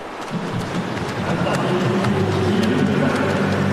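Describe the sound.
Swimmers churn the water in the final of a university group one men's 50-metre backstroke race, a dense, steady wash of splashing and slapping strokes that never lets up, with crowd noise and a voice murmuring underneath.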